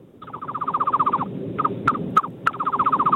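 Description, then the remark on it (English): A man imitates a bird call over a phone on speaker: fast, rhythmic warbling trills, broken midway by a few sharp whistled chirps, then the rapid trill resumes. No talking alongside. “best bird noise”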